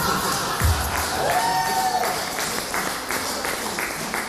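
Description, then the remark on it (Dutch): A crowd applauds and cheers with steady, dense clapping, while a few voices shout and whoop over the top, including a rising, whistle-like cheer. “Applaus.”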